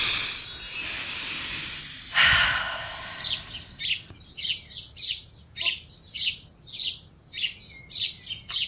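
Birds tweeting in a steady run of bright, high chirps, about eight evenly spaced calls following an earlier hissy, rushing stretch; clear with no talking.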